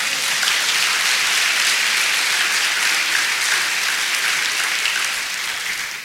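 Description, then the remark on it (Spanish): An audience breaks into sustained, loud applause for the Lord, a dense wash of many hands clapping at once with no pauses, fading slightly near the end. “Dé un aplauso al Señor.”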